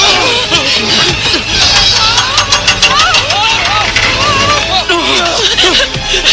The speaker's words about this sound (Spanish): En la cabina de la grúa, la palanca se mueve sola. La grúa pone al auto sobre el agua del lago.